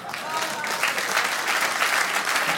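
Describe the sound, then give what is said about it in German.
A live audience applauds steadily, a dense patter of many hands clapping at once, fairly loud and sustained with no voices standing out. “Klatschen, danke.”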